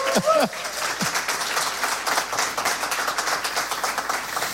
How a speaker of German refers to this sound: der kriegt jetzt auch nochmal einen Applaus, bitte von euch.